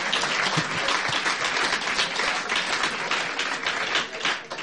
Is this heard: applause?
yes